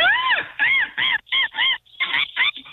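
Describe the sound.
A person imitates a seagull call as an entry in a seagull calling contest, with a loud series of about seven squawking, wavering cries. The first is longest with a falling pitch, and the rest come in quick bursts with short gaps.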